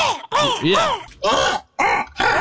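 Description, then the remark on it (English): A person imitates a crow, letting out a series of harsh, gargling caws in quick bursts, fairly loud, with rough rattling texture throughout. “because that kind of gargle sound, I would always do a crow sound like, right. But that gargle sound really takes it to the next level.”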